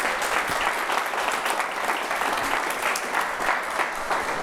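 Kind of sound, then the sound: crowd, audience applause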